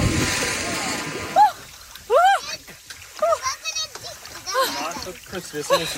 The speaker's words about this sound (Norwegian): basert på andre badenes badelyder og badeskrik